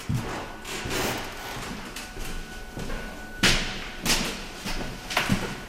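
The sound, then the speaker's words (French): Footsteps climb wooden stairs to the upper floor: a series of irregular hollow thuds and creaks, spaced about a second apart, with some echo and no talking. “Là, on monte à l'étage”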